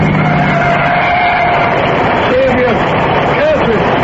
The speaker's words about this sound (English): Oh, there's a car coming. I see headlights. Let's stand at the wayside of the road. After staying alive this long, I don't want to be hit by a car.